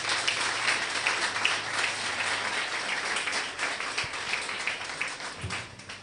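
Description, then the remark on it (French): Sustained audience applause at a church conference, welcoming the pastor who is to present the talk: a dense, steady wash of many hands clapping at even loudness for several seconds, tapering slightly at the end, with no talking over it. “Sauf vos applaudissements, s'il vous plaît.”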